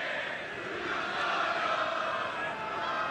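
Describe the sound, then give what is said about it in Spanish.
Independiente fans whistle loudly and continuously at their departing Avellaneda team, a dense, shrill wall of jeering whistles and crowd noise that holds steady for the whole stretch. “La silbatina para despedir a el equipo de Avellaneda.”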